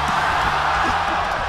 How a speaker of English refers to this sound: You heard the crowd, they got riled up because we had the, what was that, the crayon race? Crayon race.